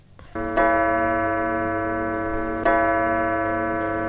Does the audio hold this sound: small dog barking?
no